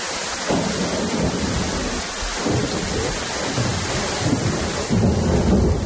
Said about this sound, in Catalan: Ho escolten, la pluja, els llamps i els trons han estat els protagonistes d'un vespre i d'una nit molt complicada al territori català amb motiu del temporal que ha sacsejat Catalunya, sobretot al litoral i prelitoral central.